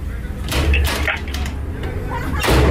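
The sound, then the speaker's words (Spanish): Several sharp knocks rap on a door in a quick, uneven cluster, with another thump near the end, all over a steady background rumble. “¿Quién toca la puerta?”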